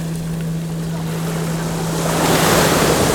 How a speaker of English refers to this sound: Listening as the tide comes in, each time reaching out, pulling sand from beneath our feet to reveal rounded pebbles.